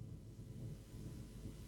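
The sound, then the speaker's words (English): Heavy rain pounds steadily on the roof of a studio, a dense, continuous low drumming roar with no breaks and no voices. “Well, boy, it's raining heavily down here. I'm in a studio and it's just thundering on the roof.”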